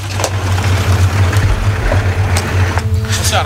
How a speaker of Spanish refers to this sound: Bueno, esto es un bosque de IKEA. Sí, se nota por los carteles verdes. Los ponen para advertir de que es propiedad privada. Viene un auto.